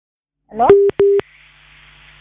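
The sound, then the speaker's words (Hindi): An incoming telephone call from a friend is picked up on a radio program, connecting with two short, steady electronic beeps in quick succession, just after a brief burst of sound, then settling into a faint, continuous line hiss. “एक हमारे दोस्त का फोन आ रहा है, थोड़ा उसको उठा लेते हैं।”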